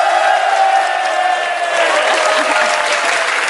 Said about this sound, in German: Das ist dein Applaus